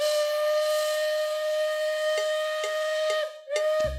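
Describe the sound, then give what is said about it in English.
A steam train whistle blows one long, loud, steady note with a breathy hiss layered over it and a few faint clicks, ending abruptly with a low thump. “Hop on board a fall tradition. The Riverside and Great Northern Railway's annual Pumpkin Trains returns to the Wisconsin Dells.”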